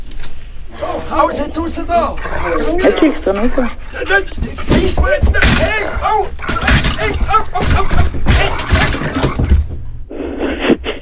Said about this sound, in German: das ist ein wilder Fuchs, der im Wald gehört